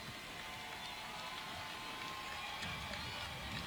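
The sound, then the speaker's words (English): A crowd of students in a football stadium applauds the departing Cajuns team in a steady, dense patter of many hands clapping, soft and continuous like light rain, with no single claps standing out and a faint murmur beneath. “And the students who have stayed, giving the Cajuns a round of applause as they leave.”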